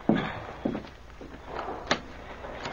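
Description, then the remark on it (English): A couple of dull signal knocks on a wooden cabin door aboard a boat, spaced apart, followed by a sharp click and creak as the door is opened, with no voices. “When a signal knock came at the door. Hey, that's Jim. Let him in, somebody.”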